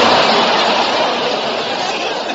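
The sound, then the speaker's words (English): A subway train rolls along the tracks with a loud, steady, dense rumble and hiss that barely changes, continuous from start to finish. “Why don't you take a subway?”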